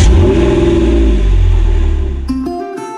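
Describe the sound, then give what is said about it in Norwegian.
A car engine revs loudly, its deep rumble rising and holding, then settles near the end as a few sharp tonal chimes ring out. No one speaks. “Kjærlighet å lytte til hverandre. Også til bilen.”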